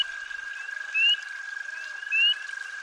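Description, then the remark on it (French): Frogs of various species call by a river in an American forest: a steady, unbroken high-pitched drone runs throughout, and two brief rising chirps stand out about a second apart. No one speaks. “La rivière. Des batraciens d'espèces diverses.”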